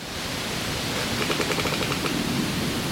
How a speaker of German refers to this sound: Auch in den Wipfeln quietscht und knarzt es zunehmend. Etwa so.